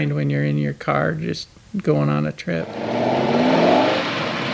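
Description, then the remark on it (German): A man speaks briefly, then a car engine roars, revving with a rising, rumbling growth in pitch that continues loudly to the end. “Und dank TV-Serien von Dukes of Hazzard bis Starsky and Hutch hält die Faszination für das dröhnende Kulturgut bis heute an.”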